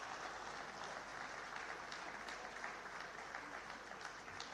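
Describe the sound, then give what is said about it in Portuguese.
Sustained applause from a large crowd at a tourism-sector awards ceremony, for all the award-winning companies; a dense steady wash of many hands clapping at even loudness throughout, with no voices standing out. “E uma grande salva de palmas a todas as empresas galardoadas.”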